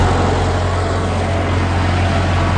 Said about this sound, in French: À bord de sa faucheuse rouge automotrice des années 1980, il fait signe d'embarquer.